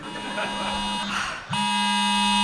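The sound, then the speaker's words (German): An AT-Alert emergency alert tone on a phone, warning of storm low Hertha with heavy rain, mudslides and flood danger, blares as a harsh, steady buzzing drone at a fixed low pitch. It briefly breaks off in the middle, then resumes louder and continues unbroken. “Das AT-Alert?”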